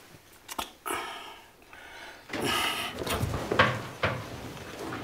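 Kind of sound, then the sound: household object, door being closed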